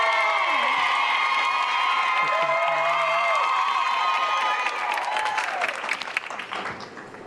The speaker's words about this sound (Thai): ขอเสียงปรบมือให้